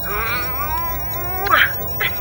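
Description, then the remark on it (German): A kitten mews, one long wavering high-pitched meow followed by a couple of short squeaky chirps, all fairly loud with no one talking. “Kätzchen.”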